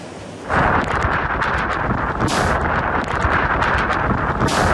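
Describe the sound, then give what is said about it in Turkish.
A loud, continuous roar of strong Typhoon Dolfin wind in eastern China, strong enough to overturn a truck, sets in after a brief quieter moment, buffeting the microphone with heavy rumbling gusts throughout, with no voices. “Kamyon şiddetli rüzgarın etkisiyle devrildi.”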